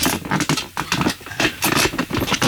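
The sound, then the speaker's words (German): A studio chair creaks and scrapes in a run of irregular, scratchy bursts that go on for a couple of seconds, fairly loud and with no one speaking. “Also ich hab irgendwann mal gedacht, ich könnte so eine Gag-Sendung machen und einfach den Stuhl interviewen.”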